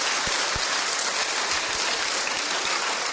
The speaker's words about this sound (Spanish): Tan bella. Aplauso para la hermanita tan linda.